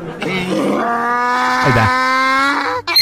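A loud donkey bray sound effect played on a radio show: one long, strained, drawn-out cry with a rough, buzzy tone, holding for over two seconds before cutting off abruptly.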